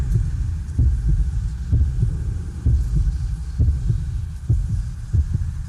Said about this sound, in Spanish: ¿Escuchan eso? ¿Qué es? Son los latidos de Minotauro dentro del vientre de su madre, la reina Pasifae. Son los latidos del laberinto viviente.